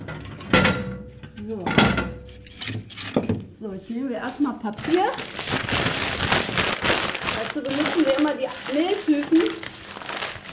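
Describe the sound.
Close, loud crinkling and crumpling of paper with rough tearing bursts, continuing busily for several seconds while voices talk intermittently over the rustling.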